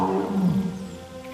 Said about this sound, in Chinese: 听到了吗？有只老虎在召唤他们。